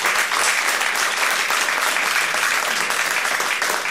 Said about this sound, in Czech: V dnešních rozpravách bych rád hned na začátku vzdal hold Českému rozhlasu, který, patrně jste to zaznamenali, v tomto roce oslavil 100 let své existence. Takže aplaus pro Český rozhlas.